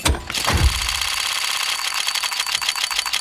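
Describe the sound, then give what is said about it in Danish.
A loot box opening in the video game Counter-Strike: a bright whooshing burst gives way to a steady stream of rapid, metallic ticking clicks that keeps going, loud and busy, with no voices. “det er faktisk en lootbox inde på spil Counter-Strike”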